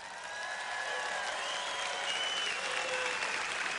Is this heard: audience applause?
yes